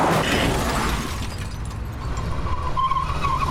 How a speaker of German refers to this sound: Verdammt, er hat den Lincoln voll gerammt. Und jetzt fährt er einfach weiter.